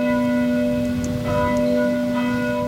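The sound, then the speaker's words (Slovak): Church bells of the parish church right beside a school ring steadily, their rich, humming tones overlapping and sustaining throughout with no pause. The peal is loud and continuous, and nobody speaks. “zvoni so, kaj so bych moj to skazavoj, ze susodnije vosadnije cirkvije direktnje podla šule pšipodnjo.”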